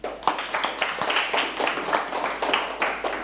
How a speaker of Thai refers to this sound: ปรบมือให้เพื่อนอีกครั้ง